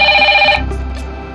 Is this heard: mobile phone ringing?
yes